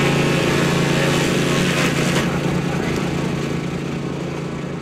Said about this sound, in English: That's not Murray Madrick trimming the hedges at his home. That is the sound of a wood chipper brought out by the opposition this week.